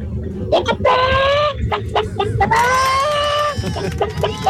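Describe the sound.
A caller from Girona imitates a hen with a few quick, choppy clucks, then two drawn-out, high, wavering squawks separated by more short clucks, loud and with no other sound.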